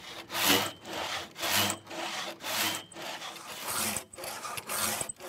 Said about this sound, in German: Manneskraft mal 3. Sägen können sie bis zum Holm des Bockes, auf dem der Balken liegt. Dann werden sie umbauen.